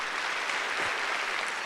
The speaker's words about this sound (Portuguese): Pode dar uma salva de palmas, forte.